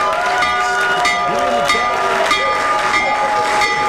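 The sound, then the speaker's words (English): Donald Trump rings the stock market bell in the Oval Office to announce the launch of the Trump accounts: a loud electric bell rings continuously for several seconds, its steady, bright metallic tone sustained without pause, with murmuring voices faintly mixed underneath. “He's ringing the stock market bell in the Oval Office to announce the launch of the Trump accounts.”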